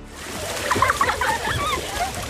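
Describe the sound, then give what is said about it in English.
Continuous splashing and sloshing of water from a young girl swimming confidently in a pool, steady, with faint high-pitched voices mixed in. “look at …. She's so confident in the water”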